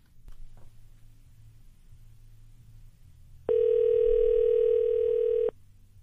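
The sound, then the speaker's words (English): A loud, steady electronic phone tone sounds once for about two seconds, like a ring heard while waiting for a call from a studio phone line to connect, over a low background rumble with no talking. “earlier this week on 5 Nights, I wasted my boss's time on the phone. Here's how it went down.”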